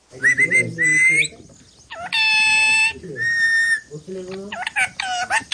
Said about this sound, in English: the parrot demands rice from her perch on a balcony in Dambagula village.